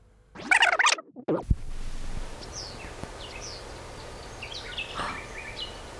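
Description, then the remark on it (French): Birds chirping outdoors at the Grotte des Jettes in Brussels: a loud burst of calls at the start, then scattered short high chirps continuing over a steady background hiss, with no one talking. “Des oiseaux.”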